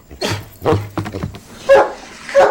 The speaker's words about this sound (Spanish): Oye, oye, basta de ladridos, todos están dormidos.